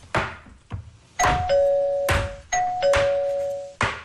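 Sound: doorbell ringing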